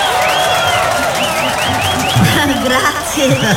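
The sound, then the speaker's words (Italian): An audience at a school dance applauds the school principal in a steady, dense wash of clapping, with cheers and excited voices rising over it throughout. “Intanto un bel applauso per la nostra preside”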